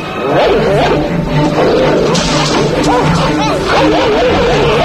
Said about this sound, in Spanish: Un gruñido animal corta en seco la indignación de Gregory Peck. Y entonces, una jauría de perros Rottweiler se lanza sobre los protagonistas.